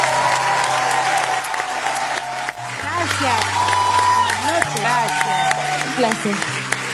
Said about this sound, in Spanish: Che, ahí el público aplaude muy bien, ¿eh? Muy bien.